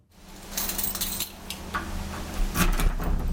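A heavy airlock door is pushed open, giving off a series of metallic clanks and scraping rattles over a steady low rumble, growing louder toward the end. No one speaks.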